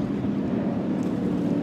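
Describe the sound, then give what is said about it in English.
The engine of a 2019 Phantom Speedster Mod V offshore racing powerboat drones steadily and loudly throughout, a continuous low rumbling roar with wind-like rushing noise on top and no voices. “This is like a Mod V boat, and it's a 2019 Phantom Speedster.”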